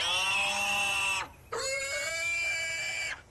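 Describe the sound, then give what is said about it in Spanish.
A pig squeals loudly and shrilly in two long, strained bursts separated by a brief pause, with no voices, as it is chased by people trying to catch it. “Con todo respeto, patrón, usted no se puede comer a ese pobre puerco.”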